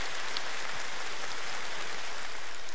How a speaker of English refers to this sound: I'm going to just let them applaud for a moment.